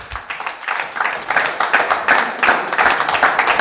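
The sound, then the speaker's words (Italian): An audience at Bellezza in Milan applauds with steady, dense clapping as a guest is invited onto the stage, holding at an even loudness for several seconds, a crackling mass of many hands with no voices on top. “E allora un applauso per … che invitiamo sul palco.”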